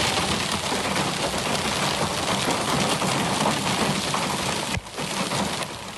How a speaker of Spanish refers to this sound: Las tormentas descargaron con intensidad en las sierras de Alcaraz y Segura, en la provincia de Albacete. Unas tormentas acompañadas de granizo de gran tamaño en municipios como Nerpi, en donde ese granizo tiñó de blanco gran parte del paisaje.